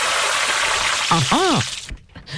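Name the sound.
sizzling frying sound effect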